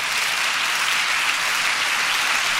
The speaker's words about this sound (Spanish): Ah, si va a aplaudir, aplauda bien, vamos.